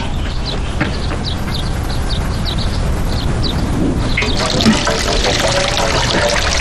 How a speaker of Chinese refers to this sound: 我来冲水哦。